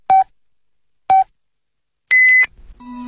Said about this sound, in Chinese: 莱恩口腔为您整点报时。